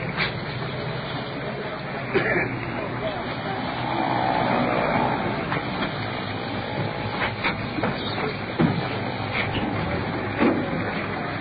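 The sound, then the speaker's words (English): An ambulance rolling in: a steady, broad engine rumble with scattered clanks and rattles, swelling briefly partway through before settling back to a constant drone. “Here comes the ambulance rolling in.”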